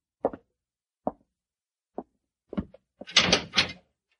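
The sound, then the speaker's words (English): A few spaced, hollow thuds lead up to a heavy cell door swinging shut with a loud, ringing metallic clang, with no voices. “Go in and close the door behind you.”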